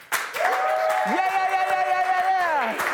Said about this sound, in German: Komm, Crew, können wir noch mal einen fetten Applaus geben?